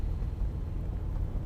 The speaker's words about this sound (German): Aber für die restlichen 100 Kilometer nach Ömjakon ist mir doch das Auto lieber.